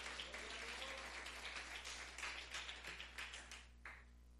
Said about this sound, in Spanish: ¿Cuántos alaban al Cristo de la gloria? Dele un fuerte aplauso al Señor esta mañana.